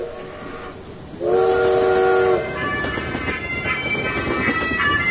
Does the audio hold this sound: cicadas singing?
no